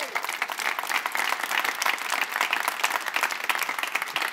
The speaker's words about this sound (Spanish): Les invito a dar un aplauso a Jesús.